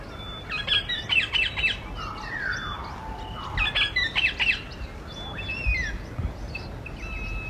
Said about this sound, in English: Something new I've tried this morning, and that little soundbite is of a bird call. The main bird that you're hearing in that bird call, I know there's lots of birds in there